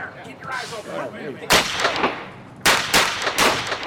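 Police gunfire in woods: two loud, sharp bursts of rapid shots with a booming, rolling tail. Before the first burst there is a stretch of muffled, garbled chatter.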